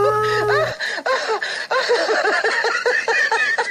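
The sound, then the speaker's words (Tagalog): A person gives a short, high-pitched imitation of a baby lion's roar, then bursts into a run of bouncy giggling laughter. “Paano naman ang Baby Roar?”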